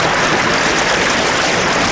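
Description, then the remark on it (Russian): The Katun River rushes loudly over stones, a dense, steady roar of churning water with no breaks, continuous throughout. “Шумит, кипит в камнях река, слушает Пашку, понимает и несется дальше.”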